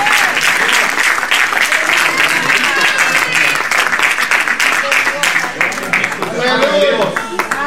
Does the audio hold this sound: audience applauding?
yes